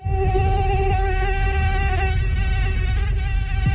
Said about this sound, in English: Yeah, that's what it sounds like in Saskatchewan right now. Our mosquito populations have exploded this year.